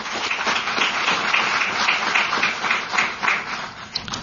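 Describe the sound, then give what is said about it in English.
A crowd applauds steadily for the company Astrolab, many hands clapping in a dense, even wash of crackling noise that stays fairly loud throughout, with no voices on top. “Again, one round of applause for Astrolab.”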